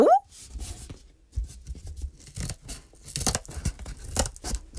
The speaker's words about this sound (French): prend les petits ciseaux pour découper les murs de la maison en carton